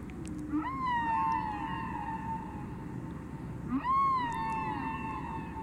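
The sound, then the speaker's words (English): Two long, wailing whale calls, each rising then holding a drawn-out harmonic tone, stand out over a steady rushing, noisy musical backdrop. No one speaks. “Well, those are the whales.”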